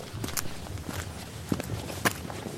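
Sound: footsteps walking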